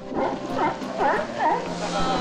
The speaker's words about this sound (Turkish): Burası Los Islotes. 450 metre uzunluğunda volkanik bir kayaç yükselimi. Kaliforniya deniz aslanlarından oluşan 600 üyeli bir koloni burada yaşıyor.